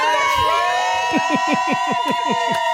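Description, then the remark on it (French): A big crowd of fans cheers and shouts continuously for a female performer ahead of her event that evening, a dense wall of voices with rhythmic chanting swells repeating about every quarter second, loud and reverberant. “Allez, un petit peu d'ambiance pour terminer.”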